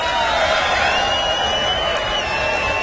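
A live concert audience at the Fillmore screams and cheers for the drummer during band introductions in a sustained, dense roar, with high shrill yells riding over a steady wash of crowd noise for a few seconds.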